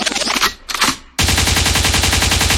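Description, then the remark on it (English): Loud gunshot sound effects burst out, first a couple of ragged blasts, then a sudden dense, rapid rattle of automatic gunfire that continues steadily to the end. “Rewind, the gunshot means forward.”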